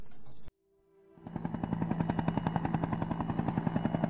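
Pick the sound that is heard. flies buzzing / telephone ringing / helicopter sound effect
helicopter sound effect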